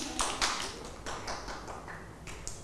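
A small group claps their hands in brief, irregular bursts, the sharp slaps overlapping unevenly at moderate volume over a low room murmur for a few seconds.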